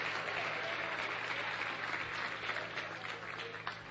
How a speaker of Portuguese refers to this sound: Vamos receber o servo do Senhor com palmas para Jesus. É palmas para Jesus, palmas para Jesus. Pode louvar a Deus.